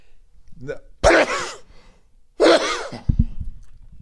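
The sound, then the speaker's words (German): Two loud, close-up sneezes burst right into the microphone about a second apart, each preceded by a quick inhale, followed by a few soft handling thumps. “Wenn man niesen muss, dann hält man das Mikro irgendwo anders hin.”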